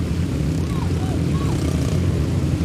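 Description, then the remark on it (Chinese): Five motorcycles ride in the middle of a steel cage in a stunt show, their engines roaring loudly and continuously, the overlapping buzzing drone holding steady throughout with no pauses or breaks. “但现在我们看到五辆车，他们是在笼子的中间，太漂亮了，哇，太惊险了！”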